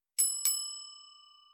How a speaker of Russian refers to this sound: Перед нами дверь в закрытую секцию коридора. Слева кнопка звонка. Это первый фильтр от непрошенных гостей. Нажимаем на кнопку.